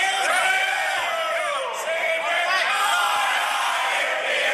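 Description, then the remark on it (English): A rugby league team cheers and chants together in a dressing room after a win, with Alfie Langer in the middle leading the pack. Many voices are loud and continuous, with overlapping shouts and rowdy singing holding steady for several seconds. “One of the greatest clips that have come up on my phone all morning is Alfie Langer in the dressing room. Celebrating. After the win.”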